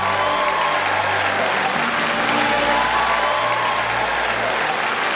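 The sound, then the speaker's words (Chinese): A large TV studio audience claps warmly and steadily to welcome the program's three guests, a dense, even wash of applause holding at a loud level for several seconds without pause. “首先，让我们响起热情的掌声，欢迎今天来到节目现场的三位嘉宾”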